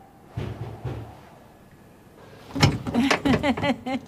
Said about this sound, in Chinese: 快开门，我没带钥匙。